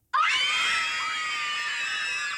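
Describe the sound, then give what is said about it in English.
A loud, sustained chorus of children shrieking together at a children's birthday party, several high voices overlapping in one continuous burst of excited screaming with no talking. “Yes, screaming children, pass the parcel and party bags.”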